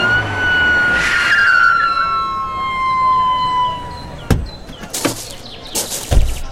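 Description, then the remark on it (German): An ambulance, called because a person collapsed, arrives in Crofton Park near the west gate, its siren wailing loudly, the tone sliding lower, then fading out, followed by several sharp knocks and thumps like doors and movement. “Da, der Rettungswagen kommt.”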